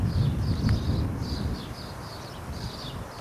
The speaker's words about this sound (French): La clameur du vent, la splendeur de la garrigue sauvage.